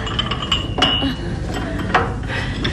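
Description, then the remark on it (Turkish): Porcelain coffee cups clink and rattle against saucers as coffee is served and the cups are set down, a few sharp bright taps and chinks over a low background murmur. “İşte kahveler geliyor.”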